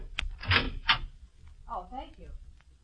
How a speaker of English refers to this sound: That's the door. Yes, it's the mailman, I think. Do you want me to see? Yes, will you? Okay.